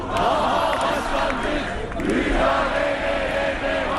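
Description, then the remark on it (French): A large crowd of activists of the main opposition party, the CHP, shouts angrily in Ankara, their massed voices rising and falling in a loud, continuous roar of overlapping cries that carries on without a break. “Ils ont beau crier leur colère, les militants du principal parti d'opposition, CHP, ont le cœur lourd ces derniers temps.”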